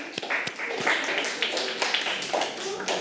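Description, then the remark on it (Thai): A group of children in a class clapping together for the representatives of every group, as their teacher asks, a dense, steady patter of claps that keeps going for a few seconds, with faint voices mixed in underneath. “ขอบคุณมากค่ะอ่ะปรบมือให้กับตัวแทนทุกๆกลุ่มเลยนะคะอ่ะ”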